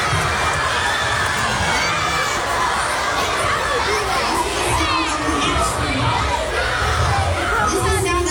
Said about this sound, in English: These kids are going crazy.